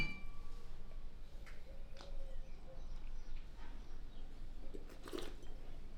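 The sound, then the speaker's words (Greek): Wine glasses of a Blanc de Blancs 100% Chardonnay, vintage 17, touch in a toast, leaving faint, thin ringing tones that linger briefly over a steady, noisy background, followed by a soft clatter near the end. “Εδώ έχουμε ένα Blanc de Blanc 100% Chardonnay. Στην υγειά μας.”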